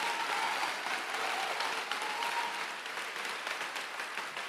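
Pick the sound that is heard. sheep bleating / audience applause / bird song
audience applause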